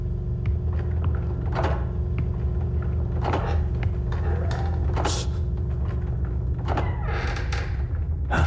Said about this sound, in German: Die Dielen knarzen so.